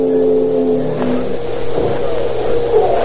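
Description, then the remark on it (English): A police car engine is started and revs up in the shadows of a ferry building, its low mechanical hum rising and swelling, with no voices over it. “start the motor of their police car and crouch in the shadows of the ferry building, scanning each passing automobile as it rolls off the gangplank.”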